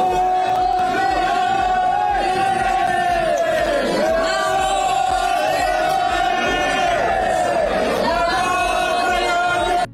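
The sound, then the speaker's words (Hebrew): A crowd of dozens of extremist Haredi protesters blocking Highway 4 near Bnei Brak, Israel, shouts together in a loud, continuous roar of many voices. The chanted cries rise and fall in pitch in repeated surges without pause for the whole stretch. “פקקים נרחבים בגוש דן בשל עשרות חרדים קיצוניים שחוסמים את כביש 4 באזור בני ברק, כך זה נשמע.”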